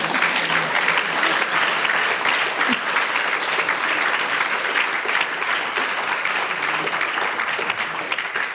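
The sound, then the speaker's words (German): An audience applauds steadily for the whole stretch, a dense wash of many hands clapping at an even, fairly loud level. It fades slightly toward the end, and no voices stand out. “Da will jemand klatschen, bitte.”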